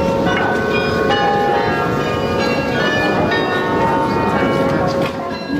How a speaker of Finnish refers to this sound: Matkan varrella ohitimme kauniin Grootekerkin kirkon, jonka kellot ovat kutsuneet ihmisiä Jumalan kasvojen eteen jo vuosisatojen ajan.